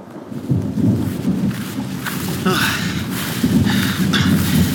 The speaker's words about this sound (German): Nicht auch noch ein Gewitter? Bitte nicht. Reicht es nicht, dass wir nass sind bis auf die Haut?